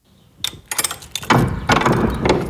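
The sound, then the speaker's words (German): A few sharp metallic clicks, like a latch or lock, then a heavy cellar door of the Pistor barracks (Pistor-Kaserne) scraping and grinding open as it is opened, loud, with no voices. “So, wir öffnen jetzt die Tür in den Keller der sogenannten Pistor-Kaserne.”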